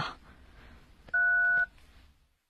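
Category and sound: signal or alarm, telephone keypad dialing tones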